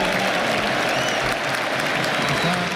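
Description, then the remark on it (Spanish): A stadium crowd applauding captain Araújo as he speaks, a dense, steady wash of clapping that stays loud and even from start to finish, with a faint murmur of voices mixed into the noise. “En el estadio le aplauden.”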